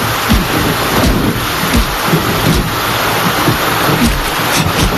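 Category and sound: nature, heavy rain falling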